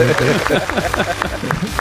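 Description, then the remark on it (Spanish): A small group claps in a steady, quick rhythm, the sharp hand strikes repeating evenly while voices talk and laugh over them throughout. “Bueno, aplaudimos, ¿no, chicos? Aplaudimos.”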